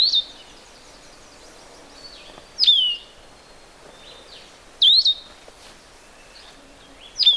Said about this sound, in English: Vireos are not large. They're like warblers. They're a little huskier looking than a warbler. Yeah, I can see him sing. That's always fun. They used to be called solitary vireos in a lot of the older books. That's what you'll see, solitary vireo.